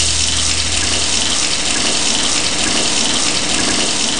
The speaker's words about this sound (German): Moment, erstmal eine kalte Dusche.